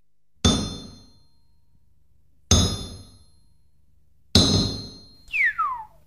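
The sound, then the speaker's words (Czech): Three loud, evenly spaced clangs of the heaviest blacksmith's hammer striking metal, each ringing out and fading. A quick falling whistle-like tone follows the last blow. “Tu máš nejprve to menší kladivo, ať se mi tu nestrhneš. Ale ne, dejte mi to nejtěžší.”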